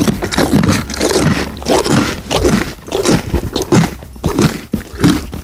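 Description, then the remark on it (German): A pony on a horse farm chews a snack loudly, a steady run of crunchy, grinding bites repeating for several seconds without any talking. “Da wird aber laut gekaut.”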